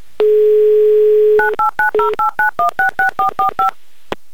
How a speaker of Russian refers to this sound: А я набираю ваш номер.